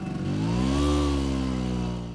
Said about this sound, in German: Es ist ein vertrautes Geräusch für die Menschen in Italien. Eine knatternde Vespa, gespeist mit einer Mischung aus Öl und Benzin, die durch die Gassen braust. Doch zuletzt ist das Knattern seltener zu hören.